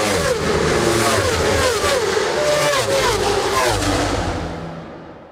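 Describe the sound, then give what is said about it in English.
Racing engines roar past at the Donington Park motor circuit, their revving pitch sweeping up and down continuously over a loud, busy background before the sound fades away at the end. “And I don't just mean the planes overhead or the roar of the engines at the Donington Park circuit.”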